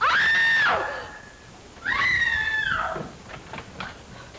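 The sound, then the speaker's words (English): A woman lets out two loud, shrill, sustained screams, each holding a piercing pitch before breaking off, with a short pause between them and some fainter sounds trailing after. “Scream! What's all the racket?”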